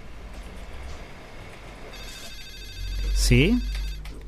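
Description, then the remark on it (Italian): A telephone rings with bright, steady electronic tones from about two seconds in, over a low rumbling background, and then a voice briefly answers it. “Telefono.”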